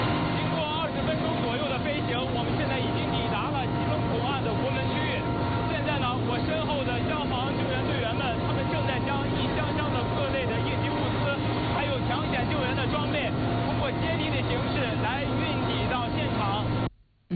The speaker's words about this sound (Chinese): 刚才记者在直升机上做的连线，您可能因为噪音的关系听得不是很清楚。